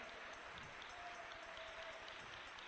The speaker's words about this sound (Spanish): Dale un aplauso al Rey, déselo con toda su alma.